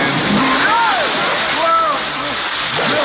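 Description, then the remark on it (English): Loud, continuous splashing and sloshing of water as people wade in until the water is up to their necks, filling the whole moment, with short vocal exclamations rising and falling over the churning water. “wherever you are, you realize we're in water to our neck?”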